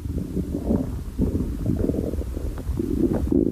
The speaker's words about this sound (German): Ich habe so einen Bärenhunger. Ihr hört bestimmt meinen Magen knurren durch die halb geöffnete Tür.